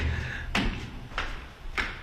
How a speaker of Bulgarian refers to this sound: и дали се чуват нашите стъпки? Да, нашите стъпки се чуват. Тук има шахти.